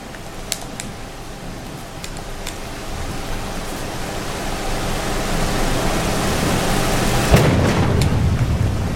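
A steady low rumble of stormy noise with a few faint crackles, then a sharp lightning crack near the end followed by a rolling boom. No one speaks.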